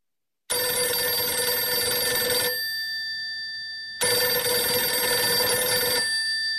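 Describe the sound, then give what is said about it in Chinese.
A telephone rings twice in clear, even bursts, each about two seconds of bright, harmonic trilling separated by a pause of quiet decay. It is fairly loud, with no voices. The call comes from Wu Shaozhou at Nanpingji. “电话是吴少洲从南平集打来的，自25日110师直接归黄维指挥后，吴少洲第一次打来了电话。”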